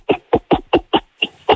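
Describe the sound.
A voice imitates an angry gorilla's cough: seven short, harsh, breathy bursts in a quick, fairly even rhythm, each one loud and abrupt with brief silences between.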